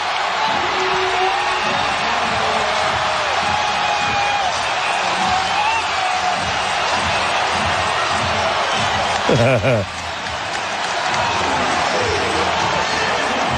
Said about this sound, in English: And you hear the crowd build. You hear this almost this whir. That's probably the best word for it. It's this like fester. With the Knicks within 4 points, 4:30 to go.